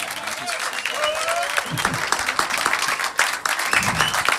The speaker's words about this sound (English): Merci de l'applaudir. Beaucoup plus chaleureusement, je vous ai connu un peu plus... Non. Allez!